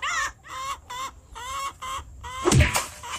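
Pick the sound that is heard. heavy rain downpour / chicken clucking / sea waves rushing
chicken clucking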